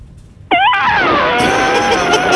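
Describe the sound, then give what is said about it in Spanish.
A person imitates an elephant's trumpet with a sudden, loud, brassy cry that wavers briefly and then holds steady for about two seconds, with no talking. “El mejor mío es el elefante. A ver. Mira, va el elefante.”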